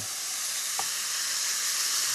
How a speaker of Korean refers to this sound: 자, 선생님 이제 한번 불고기 조리하러 가볼까요? 네. 자, 팬에 불을 좀 올리고. 해보겠습니다. 자, 소리 이 정도 나면 되는 거예요.